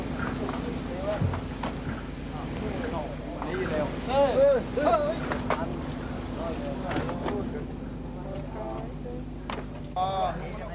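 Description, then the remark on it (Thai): Fishing boats unload fish, mostly short mackerel and Indian mackerel, at a busy fish-landing pier beside Khao Mong Lai in March: a steady engine drone runs throughout, under overlapping indistinct voices, calls and scattered knocks and clatters. “ที่ท่าขึ้นปลาข้างเขาม่องไร่ในเดือนมีนาคมปีนี้มีเรือประมงเข้ามาลอยลำขึ้นปลาอย่างคึกคัก”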